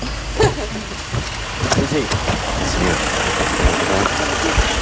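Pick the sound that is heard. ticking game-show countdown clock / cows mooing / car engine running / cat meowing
car engine running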